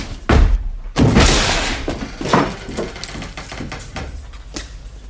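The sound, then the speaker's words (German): A heavy thump followed by a loud, crashing impact as a door is forced open, with clattering and rattling debris trailing off afterward, loud. “Die Tür auf!”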